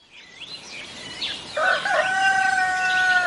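A rooster lets out one loud, drawn-out crow, following a moment of high, warbling bird chirps. No one speaks.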